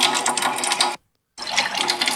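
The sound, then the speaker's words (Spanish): A loud rush of water pouring steadily from a tap at a home just as the water supply has come back, broken by a short silent gap before the stream resumes just as strongly. “Me acaba de llegar el agua. Ustedes oyen el chorro.”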